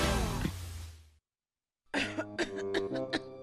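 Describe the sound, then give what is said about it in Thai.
Heavy, harsh coughing from a mother with an irritated throat and difficulty breathing: one long rasping cough, a brief silence, then a rapid burst of four or five loud, chesty coughs in quick succession, with no talking. “แม่ทำไมไอหนักขนาดนี ้มันรู้สึกระคายคอสิหายใจลำบาก”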